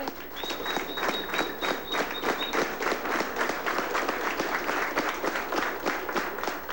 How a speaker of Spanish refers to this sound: Por favor, no aplaudan, no griten, ¿ok? Vamos a mantenernos a ellos sin que los nervios se aceleren, ¿ok? Por favor.